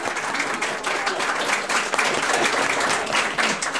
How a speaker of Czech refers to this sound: Prosím, potlesk.